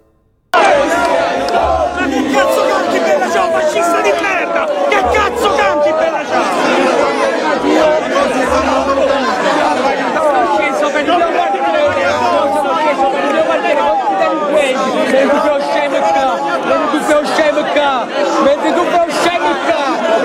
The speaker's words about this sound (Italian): Però fatemi sentire il clima che si respirava con i militanti di Potere al Popolo che contestavano quelli del PD.